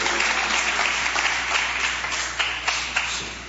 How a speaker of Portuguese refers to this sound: Palma e glória, igreja.